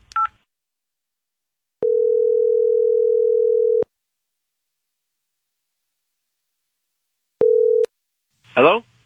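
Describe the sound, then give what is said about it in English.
An outgoing call to a man's cell phone rings: one steady two-second ringback tone, a long pause, then a second tone cut short. It sounds clear, with a brief voice at the start and at the end. “You just want to call him out on the radio and see what he, and show him the video?”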